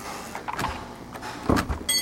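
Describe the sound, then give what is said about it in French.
The door of a Montauban engraver and screen printer's workshop is opened, with a few rattling, scraping knocks and a brief squeaky high whine at the end. No one speaks. “graveur et sérigraphe montalbanais, nous a ouvert la porte de son atelier.”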